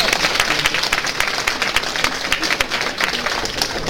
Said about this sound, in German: Vielleicht etwas, was man auch mal uns sagen muss, diese Herrschaften, die hier vorne sitzen, das Ganze beurteilen, kommen alle ehrenamtlich, um solche jungen Talente eine Anerkennung zu bringen. Einen riesen Applaus dafür.